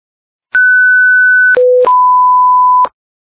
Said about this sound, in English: Stand by for the ARF alarm check.